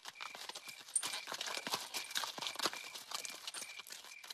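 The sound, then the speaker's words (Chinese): Steady clip-clop of a donkey's hooves on a hard surface, quick and continuous as the ridden donkey walks briskly toward Fuxin in the late evening, followed by an accompanying scout, with no voices present. “邓君红换上了毛驴，由随行的侦查员跟着，开始向阜新进发”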